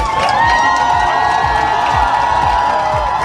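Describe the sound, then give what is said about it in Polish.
A large crowd in Warsaw cheers loudly and continuously, welcoming Poland's volleyball team home after they beat France to win the European Championship, with a dense roar of voices, whistles and shouts, and rhythmic low thumps like drumbeats repeating under the din. “Biało-czerwoni byli wczoraj hucznie witani w Warszawie.”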